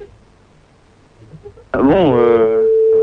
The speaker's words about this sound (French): Donc là on essaie de vous joindre sur votre portable, pour l'instant ça sonne sur votre portable, vous n'avez plus qu'à décrocher et c'est gagné, c'est bingo.